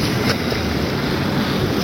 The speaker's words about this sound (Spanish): Claramente está corriendo agua.